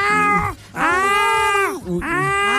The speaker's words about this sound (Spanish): O empieza literal a maullar y a rasguñar la puerta para que uno le abra.